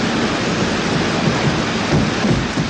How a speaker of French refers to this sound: Je vous fais écouter la bande-son de ce film mythique, cette cascade sur le métro, Peur sur la ville. Vous entendez le métro.